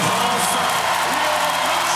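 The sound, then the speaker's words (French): At a medal ceremony, a large crowd applauds and cheers in a dense, steady roar that stays loud throughout as Léon Marchand steps onto the top of the podium. A few voices and whoops rise through the clapping and nobody speaks. “Pas besoin de parler, on l'entend à l'applaudimètre.”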